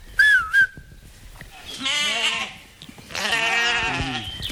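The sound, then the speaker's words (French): A short rising whistle, then two long, wavering bleats from ewes grazing to maintain green spaces, each lasting about a second, loud and clear over a quiet background with no talking. “Et puis on voit revenir une pratique ancienne, faire pâturer des brebis pour entretenir les terrains.”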